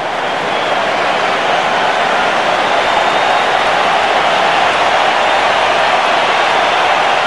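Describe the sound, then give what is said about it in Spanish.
A stadium crowd at a Mexico national team match applauds Quiñones as he is substituted off for Alexis Vega, a dense, unbroken wash of clapping and cheering that holds at an even, loud level for the whole stretch, with no voices speaking over it. “Bueno, pues Alexis Vega, el 10 de México, va a entrar al terreno y sale Quiñones, le van a aplaudir y lo escuchamos.”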